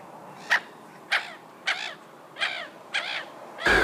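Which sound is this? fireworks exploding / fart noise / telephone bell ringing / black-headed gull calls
black-headed gull calls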